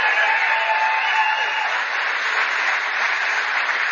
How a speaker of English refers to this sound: The first is Bobby Charles, who I know is running for governor. Give a round of applause for Bobby Charles.